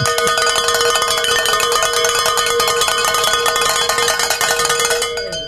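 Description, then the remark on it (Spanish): Bells ring continuously in a dense, clanging peal, many bright metallic strikes overlapping at a steady loud level for several seconds before easing slightly at the end. No one speaks. “Digo, diácono, ¿qué le parece si sonamos las campanas?”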